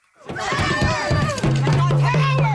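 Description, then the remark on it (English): Angry protesters shout over one another in a loud, dense crowd of raised voices as they swarm the car of Nova Scotia Premier Tim Houston, climbing on it and smashing the windshield; midway through one steady low-pitched tone holds beneath the clamor to the end. “Protesters shouting at Nova Scotia Premier Tim Houston as they swarm his car, climbing on top of it, standing in front of it, and smashing the windshield.”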